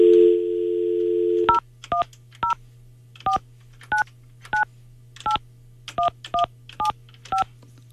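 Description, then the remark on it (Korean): A steady phone dial tone hums briefly, then cuts to a quick series of about eleven crisp keypad beeps, each a short two-toned blip, with a low hum underneath and no talking, as a phone call is placed. “방학생에게 전화 한번 해볼게요.”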